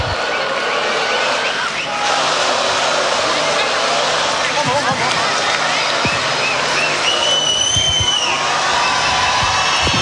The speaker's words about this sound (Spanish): Están pidiendo más. Más fuerte el aplauso para esta gran banda nacional.